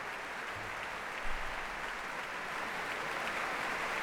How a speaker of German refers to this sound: Großen Beifall gibt es hier in der Elbphilharmonie.